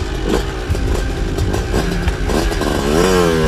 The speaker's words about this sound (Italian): inaspettatamente il motorino parte e va via da solo.